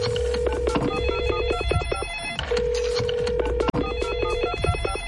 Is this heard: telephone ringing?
yes